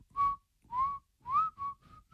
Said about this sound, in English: The last time I was going to do this, I was going to whistle it, but I had my phone too far away so you couldn't hear it.